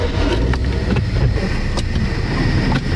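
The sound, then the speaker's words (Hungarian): A steady, loud rumble of traffic on a busy road between a park and the town centre, low engine drone with brief swells as vehicles pass, continuous throughout without any voices. “Na akkor nézzük, ez egy forgalmas út itt, itt rögtön a park és a belváros között.”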